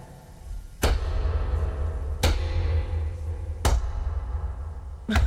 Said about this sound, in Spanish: ¿Pero vas a la pata coja o algo? ¿Para hacer ese ruido?